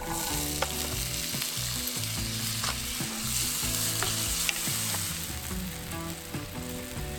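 Garam masala spices and onions sizzle steadily in hot extra virgin oil in a pan, releasing their aroma, a dense crackling hiss that runs unbroken for several seconds, with a few sharper pops and faint scraping as the mix is stirred. No one speaks.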